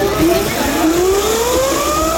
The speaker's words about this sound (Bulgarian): да покажем звука, състезателния звук, който се чува и да видите как този компактен електрически мотор, каква скрита мощ има в него.